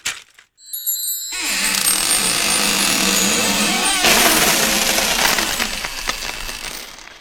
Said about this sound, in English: I need to oil that hinge. Yeah, I think so too.